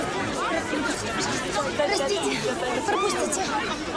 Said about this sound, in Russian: Профессор вешает на стенд список. Студенты толпятся вокруг.